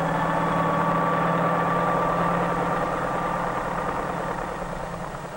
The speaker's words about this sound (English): Flying over city traffic, the helicopter can land directly on the roof of the post office itself in a fraction of the time needed by mail trucks, thus greatly speeding the delivery of mail.